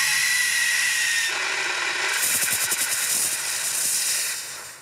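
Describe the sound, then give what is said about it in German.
A powder fire extinguisher, filled with a fine salt-like powder, is test-sprayed to see how long and how far it sprays, in a loud, continuous hissing rush that fills the whole clip, with a rough pulsing texture midway before tapering off at the end. “Dann geht's los mit den Pulverlöschern. Wie lange spritzen sie und wie weit?”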